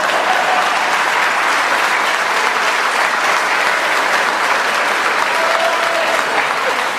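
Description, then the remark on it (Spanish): Sustained audience applause, a dense steady wash of many hands clapping at an even loudness for the full seven seconds, with no pauses and no voices standing out. “Aplaudan, o sea, boludo.”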